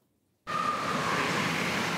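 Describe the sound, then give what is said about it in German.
After a brief silence, loud ambience of Baden-Baden train station cuts in abruptly: a dense, steady wash of rumbling noise with a faint high whine running through it, no voices, around 70 to 80 decibels. “Ganz schön laut hier am Bahnhof Baden-Baden.”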